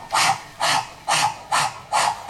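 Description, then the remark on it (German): A voice imitates a spinning propeller with a steady run of breathy, hissing whooshes, about five bursts repeating evenly at roughly two per second. “Und der Propeller macht.”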